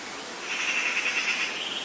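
A European robin calls outdoors with a thin, steady high note held for about a second, moderately faint against a soft, hissy background, picked up by two microphones hung out of a studio window in Hilversum.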